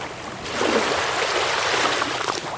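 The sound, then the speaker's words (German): Broad, steady wash of sea waves swelling in after a quieter start, a hissing surge of waves running up a sandy beach, continuous with no voices. “Man hört das Wellenrauschen und es ist auch öfter Wind am Meer.”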